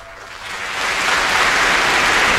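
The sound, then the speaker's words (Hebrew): Concert audience applause in Bremen on the night of 13 October 1963 at the American Folk Blues Festival. A dense wash of many hands clapping swells over the first second, then holds steady and loud, with no voices over it. “מחיאות כפיים שהתרחשו בברמן.”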